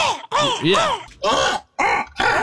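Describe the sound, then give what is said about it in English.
A person imitates a crow's caw with a throaty, gargling rasp, giving four or five loud harsh calls in a quick, uneven series. “because that kind of gargle sound, I would always do a crow sound like, right.”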